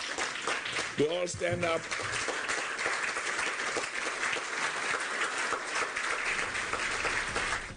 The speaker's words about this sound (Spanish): Quiero que todos se pongan de pie. Quiero que se pongan de pie y aplaudamos a Gianni.